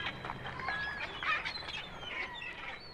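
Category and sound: bird, parrot squawking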